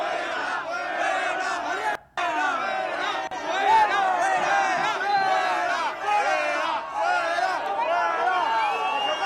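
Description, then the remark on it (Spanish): A large crowd at a street protest booing and shouting together in a loud, continuous roar of overlapping voices, with a brief cut-out early on before the jeering resumes at full strength. “Bueno, pues estamos escuchando esos abucheos que nos llegan desde esta señal que ahora sí ya podemos ver en directo”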